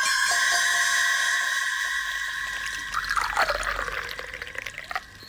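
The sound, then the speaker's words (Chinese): Water pours steadily into a cup, the tone rising and shifting as the vessel fills, then ending in a few small splashes and drips. “萧啸天笑了笑，一边倒水一边说”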